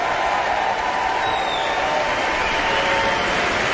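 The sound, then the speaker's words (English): Steady, dense applause from a large audience, a continuous wash of clapping that holds at an even loudness throughout without clear pauses or voices. “The audience continues their enthusiastic applause.”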